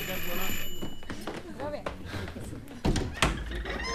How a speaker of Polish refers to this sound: Cicho! Ktoś dzwoni.